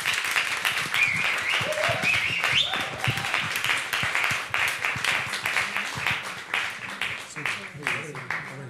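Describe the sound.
A roomful of people applauds steadily, a dense wash of clapping lasting about nine seconds, with a few voices and cheers rising above it early on before the clapping thins slightly toward the end.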